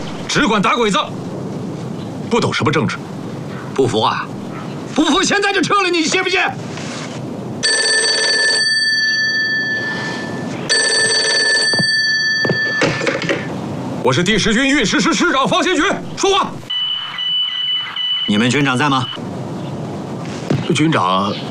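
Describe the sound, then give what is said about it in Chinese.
An old-style telephone bell rings twice in long, steady bursts of a couple of seconds each, loud, with people talking before and after the rings; the call is for an army commander. “军座，电话。”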